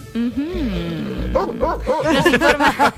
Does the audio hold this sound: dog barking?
yes